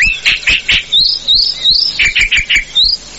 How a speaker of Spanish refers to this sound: pájaro gaucho la calandria. Tan original, tan originaria, la calandria, todos los pájaros en un solo pájaro.